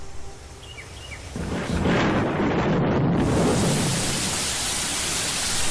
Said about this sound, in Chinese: 雷声过后，大雨潇潇而下